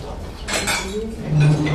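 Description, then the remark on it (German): Dishes and cutlery clink and clatter in a busy small restaurant with a kitchen and a few tables and chairs, with bright metallic taps and scrapes over a low murmur of activity, growing a bit louder toward the end. “Eine Küche, ein paar Tische und Stühle, ein kleines Lokal.”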